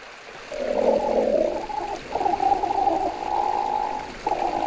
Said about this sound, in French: Ah, j'entends un grognement. Ça, c'est un ornithorynque. Pour le voir, direction l'est de l'Australie. C'est là qu'il vit, le plus souvent dans l'eau.